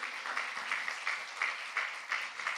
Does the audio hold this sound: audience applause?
yes